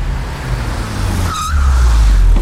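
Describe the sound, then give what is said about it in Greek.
A new, used car from Auto Expert rumbles and revs its engine, a brief high tire squeal cuts through midway, then the engine swells louder as the car roars off. No voices. “Το καινούριο μου αμάξι. Απίστευτο εργαλείο.”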